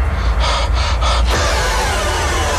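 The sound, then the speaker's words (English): Three sharp, heavy breaths drawn in quick succession, loud, in a horror movie trailer, over a constant low rumbling drone that continues after the breathing stops. “Just a lot of heavy breathing in that trailer, isn't it?”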